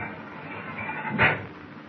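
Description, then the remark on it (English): A heavy steel door in a control compartment swings open, with a low rumbling scrape building to a single ringing metallic clank near the end, against a steady background hum. “I'll try this steel door, see where it leads.”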